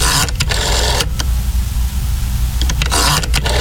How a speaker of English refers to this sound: Little rotary phone action, but it's still gonna feel sort of nostalgic.